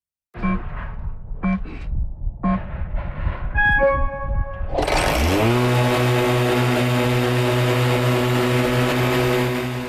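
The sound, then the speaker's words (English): An autonomous electric orchard mower called the Burro Grande, working at Laughing Coyote Orchards in Summerland, clicks and gives a few rising electronic beeps, then its motor whirs up in pitch into a loud, steady, droning hum that continues to the end. “His new machine is an autonomous electric mower called the Burro Grande.”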